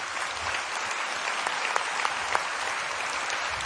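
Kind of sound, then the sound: crowd, loud round of applause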